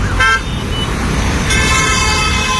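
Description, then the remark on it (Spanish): Loud, steady city traffic rumble with car horns honking over it: a short toot near the start, then a longer, sustained blare through the second half. “Es decir, en ruidos altos, por ejemplo, la avenida Goyeneche, la avenida La Marina u otros sitios, la avenida Independencia, donde hay mucho ruido”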